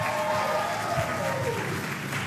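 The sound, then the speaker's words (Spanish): An audience at the Escuela Superior de Tlahuelilpan breaks into steady, loud applause during a special broadcast, a dense wash of overlapping claps that holds at an even level throughout, with faint crowd murmur mixed in. “Por favor, que se escuchen fuerte los aplausos para esta transmisión especial.”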